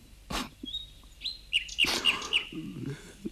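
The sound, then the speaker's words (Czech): A small songbird sings, a thin whistled note followed by a quick, evenly spaced run of four bright, tinkling tones, clear and high like a music box over faint background noise. “Skutečně, ten pták to dělá přesně podle hrací skřínky, vysoce zvěčnělé císařovny.”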